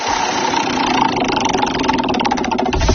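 A prize wheel spins with a loud, steady rush of rapid mechanical clicking that runs for a few seconds, the ticks growing more distinct toward the end. No one speaks.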